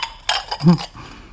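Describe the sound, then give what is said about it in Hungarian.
Plates, cutlery and glasses clink as a table is set with two large plates, two small plates, two knives, two forks and two glasses: a few quick knocks and chinks in short succession, with a brief low voice-like murmur in the middle. “Két nagy tányér, két kicsi. Két kés, két villa. Két pohár.”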